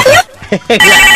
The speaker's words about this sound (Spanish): Qué horrible suena el teléfono aquí de la cabina del circo, mijo? Ya cámbiale ese tono.